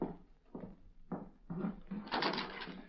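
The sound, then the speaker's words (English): A back door being opened: a few short clunks and rattles of the latch in quick succession, followed by a louder, longer scraping swing of the door. No voices. “Guess I'd better open that back door now.”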